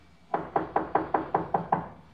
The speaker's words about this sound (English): Okay. Let him knock again.